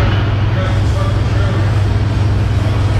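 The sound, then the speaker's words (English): A steady, loud low rumble of road traffic runs throughout, like engines idling or passing, with faint muffled voices in the background and no sharp impact, in footage of a serious three-car accident in which a speeding car ran a red light. “speeding and runs a red light and hits this woman.”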